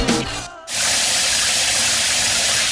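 A shower suddenly turns on and runs with a steady, loud, hissing spray of water that continues without a break, after a brief moment of other sound at the start.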